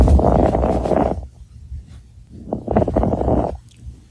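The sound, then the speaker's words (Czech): Lung crackles from pulmonary fibrosis, as a doctor hears them through a stethoscope: two breaths, each about a second long, filled with dense fine crackling over a low muffled rumble, with a quiet pause between them. “Nemoc ale může zachytit už praktický lékař, který při poslechu plic takto nemocného člověka uslyší tenhle zvuk.”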